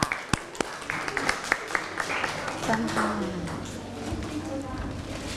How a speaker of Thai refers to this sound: ก็ขอขอบคุณสำหรับการนำเสนอค่ะขอเสียงปรบมือให้เพื่อนหน่อยค่ะ